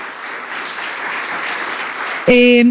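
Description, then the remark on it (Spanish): An audience claps steadily for Javier Gallego of Carne Cruda in sustained applause for a couple of seconds, dense, then a loud sustained tonal blare abruptly cuts in at the end. “También un aplauso para él.”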